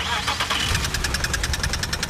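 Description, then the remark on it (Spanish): A car engine runs roughly with a rapid, steady knocking clatter over a low rumble, fairly loud, with no voices. “Si tu auto hace este ruido”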